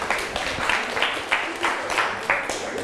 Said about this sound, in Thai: นักเรียนเก่งมากเลยปรบมือให้เพื่อนกลุ่ม2หน่อย